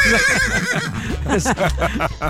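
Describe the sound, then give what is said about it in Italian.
A horse neighs loudly, a shrill, quavering whinny that wavers and falls in pitch over about two seconds, with no one speaking. “Sì, ne avevamo già parlato perché pare che una signora fan ovviamente, ha chiamato il suo cavallo Fargetta.”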